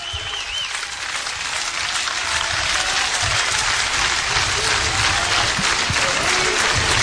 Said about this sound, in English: Crowd trying to encourage the senior southpaw for out number two.